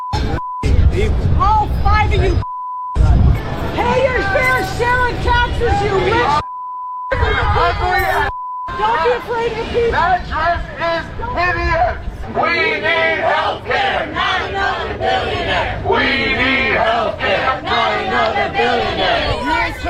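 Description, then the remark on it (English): Protesters outside a Manhattan Institute event shout and scream at formally dressed attendees in loud, overlapping voices, with high strained yells rising above a constant roar of babble. A steady electronic beep tone cuts in and out between bursts. “There was an event recently, the Manhattan Institute, which is this Republican think tank, and people were just dressed up in their formal outfits, and they were going out, and there were protesters outside screaming at them.”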